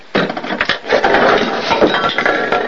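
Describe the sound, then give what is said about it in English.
Small bottles and containers spill out of an opened medicine cabinet in a steady, loud clatter, knocking together with many overlapping clinks and rattles lasting a couple of seconds, no voices. “His toothbrush dangles in his mouth as he screws the cap on the toothpaste, then opens up the medicine cabinet. Stuff spills out.”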